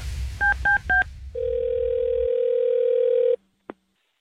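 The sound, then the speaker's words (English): Three quick keypad beeps are dialed as a call is placed for a radio call segment on Kiss 97.3, then a steady ringing tone hums for about two seconds before cutting off, followed by a short click on the line. No one speaks. “It's another Carmen call on Kiss 97.3.”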